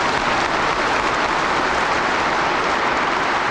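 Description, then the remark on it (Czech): A large crowd at a party congress applauds steadily in honour of the 1968 Soviet occupation. The clapping is a dense, unbroken wash that stays loud and even for the whole few seconds, with no voices standing out. “Potlesk a jásot na počest sovětské okupace v roce 1968.”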